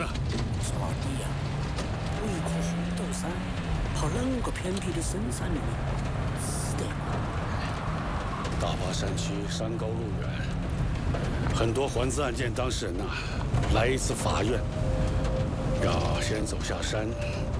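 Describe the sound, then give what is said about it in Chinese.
A car that was stuck in a mud pit on a mountain road starts up. Its engine turns over and settles into a steady, rumbling run, with mechanical rattling and clanking throughout and indistinct voices in the background. “哎， 发动了，发动了。好了。”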